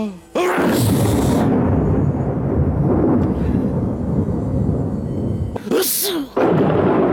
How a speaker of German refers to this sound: Sehr lustig auch, wenn Zeus niest, dann hört selbst, donnert's auf der Erde.